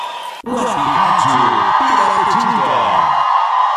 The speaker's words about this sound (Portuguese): Quem tá feliz dá um grito!